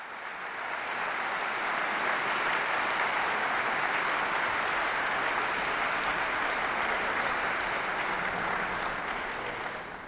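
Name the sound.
concert audience applause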